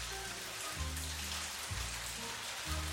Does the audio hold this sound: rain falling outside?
yes